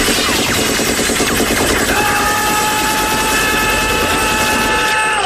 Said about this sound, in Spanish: Es que esas ráfagas podían durar una eternidad y no quedaba uno vivo.